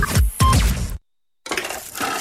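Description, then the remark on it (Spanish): A couple of ice cubes drop into a glass with two sharp clinks, followed after a short pause by a bright, fizzy hiss like a drink being poured. “El sonido de un par de hielos, un vaso, te da sed.”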